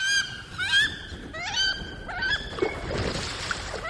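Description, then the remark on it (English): Wood duck calls: a quick series of about five rising, squealing whistles, clear, followed by a rougher, noisier stretch with scattered fainter squeaks. “If wood ducks do move in, be prepared for as many as 16 chicks to follow their mother out of the nest.”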